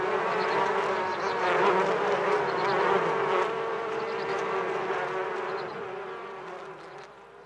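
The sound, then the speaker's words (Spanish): A dense, steady drone of many honeybees buzzing, a continuous swarm hum with a strong low tone that fades slightly toward the end. No one speaks. “Esta colaboración entre abejas y mujeres es una relación ancestral que se remonta a cuando los antiguos empezaron a poblar el continente.”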